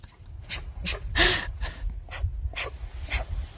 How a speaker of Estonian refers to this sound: See oli üks noor karu.